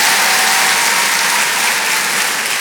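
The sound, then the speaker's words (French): Steady, dense audience applause, a continuous wash of many hands clapping at an even loudness throughout, with no voices rising above it. “Merci, merci, mais vous savez, ça devrait tellement être normal, faudrait même pas les applaudir, ces filles.”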